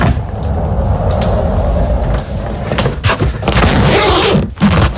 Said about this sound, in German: Das ist dein Rollkoffer. Du bist mit deinem Koffer entlang gerollt und hast ihn dann aufgemacht.